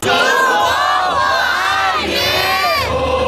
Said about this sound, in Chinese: 当国旗升到旗杆顶端，广场上的群众爆发出欢呼声，喜悦与自豪之情溢于言表。